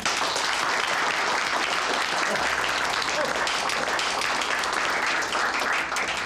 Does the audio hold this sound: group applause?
yes